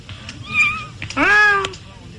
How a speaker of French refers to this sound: C'est le bébé girafe qui se prend une tête.